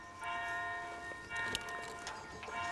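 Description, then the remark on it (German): A church bell rings out with a sustained, humming tone that lingers throughout, heard outdoors with faint background noise and no talking. “Pünktlich zum Glockenschlag geht es wieder los.”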